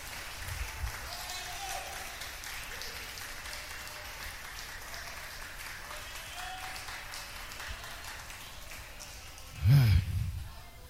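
An audience applauds for Christ during a church sermon, a dense, steady wash of many hands clapping that holds for about ten seconds, with a sudden loud thump near the end.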